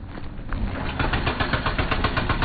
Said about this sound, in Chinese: 在威信到宜良高速公路建设现场，大型机械正在施工。这里属山岭仲丘区，山高谷深。